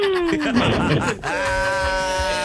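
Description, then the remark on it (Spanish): A man lets out a loud celebratory grito: a long yelled cry that dips in pitch, breaks briefly, then rises into a sustained, ringing high wail lasting a couple of seconds. “Échate un grito, papi.”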